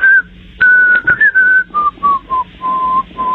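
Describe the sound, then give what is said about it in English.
A man whistles the introduction of a song, a short tune with a clear melody of sustained and stepping notes that gradually descend in pitch, heard alone without any talking. “The song I would like to hear, I will whistle the introduction for you, and hopefully in the correct key.”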